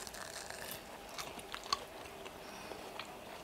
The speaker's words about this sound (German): Ist schon noch ein bisschen heiß, oder? Ich nehme mal die Kleine, die sind noch ein bisschen heiß, aber man kann schon mal reinbeißen. Ganz vorsichtig.